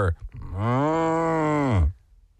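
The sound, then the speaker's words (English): A person's voice imitates a cow's moo during an animal-sound guessing game: one long, low, sustained lowing call lasting over a second, loud, with a slight rise and fall in pitch before cutting off. “We're going to go with cow”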